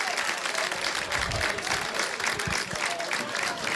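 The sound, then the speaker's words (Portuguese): The Âncora crowd at a football match applauds the Valenciano team steadily, a dense wash of many hands clapping at an even, fairly loud level throughout, with a few low thumps mixed in. “E agora os aplausos são para os homens de Valenciano.”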